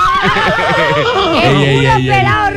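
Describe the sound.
A horse's whinny rings out loud, its shaky, wavering pitch sliding downward, then trails into a steady low vocal tone with murmuring voices underneath.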